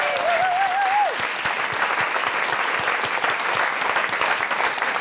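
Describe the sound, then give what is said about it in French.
A crowd bursts into steady, dense applause for the restaurant de La Poste in Anzer, filling the whole stretch, with a brief whistle-like tone sliding and fading near the start. “Un applaudissement s'il vous plaît pour le restaurant de La Poste à Anzer qui nous nourrit toute la semaine.”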